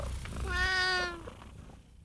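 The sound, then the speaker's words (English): A single drawn-out cat meow, fairly loud, lasting about a second with a rising then falling pitch before trailing off into quiet. “If pussycats work for you, I'll just meow till I get you free.”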